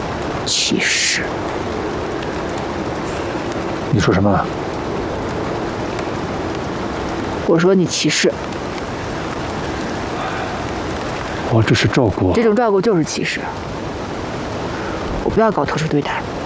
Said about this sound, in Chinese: 下雨了，天气冷，你这样下去会生病的。